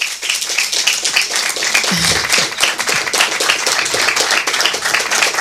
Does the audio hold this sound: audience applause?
yes